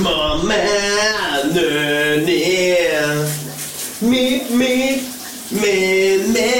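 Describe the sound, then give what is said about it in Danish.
A steady hiss of running shower water fills the background on a Wednesday morning while a man sings loudly over it, his melody pausing briefly before picking up again. “Vi skal have et brusebads hit den her onsdag morgen, som så vanligt.”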